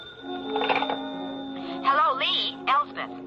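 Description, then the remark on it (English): A phone rings with a call on a private line, in short warbling electronic bursts, repeating a few times over a steady background hum, moderately loud, with no one speaking. “And then I was startled by the ringing of the phone.”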